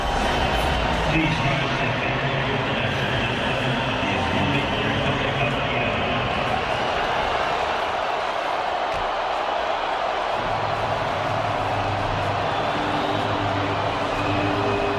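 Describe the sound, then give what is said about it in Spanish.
A stadium crowd, largely American, in Los Angeles, United States, boos and jeers through Iran's national anthem at Iran's first match of the championship, a dense, unbroken roar of voices that stays loud for the whole stretch, with the anthem's music faintly audible underneath. “No soy de los que les gusta un pelo oír abucheos a un himno, a ninguno, porque representa un país, pero no solo en presente, sino para mí en su historia también.”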